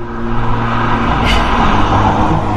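A car engine runs steadily and loudly as the driver stops the car, a continuous low rumble with a faint brief whoosh midway, and no one speaking.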